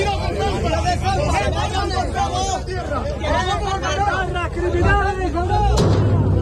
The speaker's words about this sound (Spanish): Al menos una persona ha sido retenida en un vehículo policial a raíz de la bronca registrada en un enfrentamiento de este grupo con los vecinos. La policía ha realizado disparos al aire.